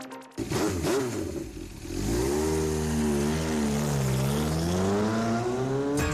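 A motorcycle engine revs up loudly, its pitch climbing and wavering through a sustained roar after a brief start, with no talking.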